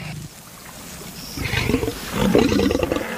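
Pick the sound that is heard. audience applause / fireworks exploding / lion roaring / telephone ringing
lion roaring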